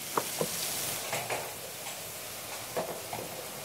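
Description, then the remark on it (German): A steady frying sizzle from four pans at once in a restaurant kitchen hisses throughout, with scattered scraping and clinking of utensils against pans in quick irregular bursts, fairly loud, with no one speaking. “Denn vier Pfannen gleichzeitig brauchen seine Aufmerksamkeit.”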